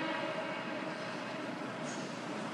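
A train rolls steadily along the rails, a continuous even rumble and hiss with no pauses or voices, fairly loud throughout.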